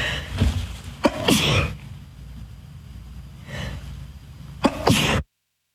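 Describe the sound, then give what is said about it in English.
Two loud sneezes a few seconds apart, each preceded by a sharp inhaled breath, with a faint breathy sound in between and no talking. “Excuse me, why do sneezes come in twos and threes?”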